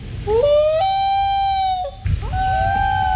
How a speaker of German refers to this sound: Das war der Eistaucher. Toller Vogel, was für ein Sound.